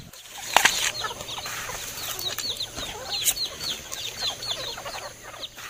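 A flock of free-range hill chickens in Việt Lâm, Tuyên Quang, Vietnam, clucks and chirps continuously outdoors, with scattered overlapping calls, a few brief louder bursts like flapping, and a steady low background hum.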